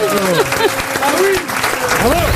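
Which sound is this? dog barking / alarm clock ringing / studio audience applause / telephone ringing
studio audience applause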